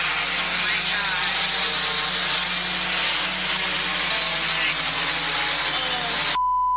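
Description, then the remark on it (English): A delivery drone hovers over a backyard pool at a home in Richmond, Texas, with a loud, steady whirring buzz, layered with high motor whine and a low hum, running continuously for about six seconds before cutting off abruptly. “ended up with a soaked box as she heard the drone approaching.”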